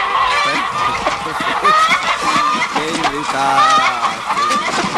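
A crowd of chickens clucks and squawks nonstop, their calls overlapping in a dense, busy chorus that stays loud throughout.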